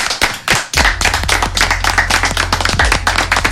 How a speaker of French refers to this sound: Ouais, il a eu les plus longues applaudissements de l'émission, c'est terrible.